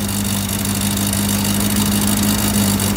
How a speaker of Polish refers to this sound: Oczywiście to samochód spalinowy.